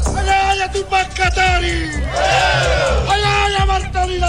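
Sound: protest crowd shouting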